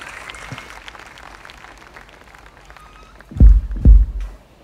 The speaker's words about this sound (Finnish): Pokkisen puistossa yleisö osoittaa suosiota.